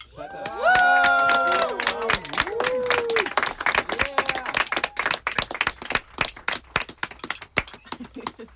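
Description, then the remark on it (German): A crowd breaks into loud, sustained applause, dense rapid clapping throughout, with excited whoops and cheering voices rising over it in the first few seconds before the clapping carries on alone. “Einmal bitte Applaus.”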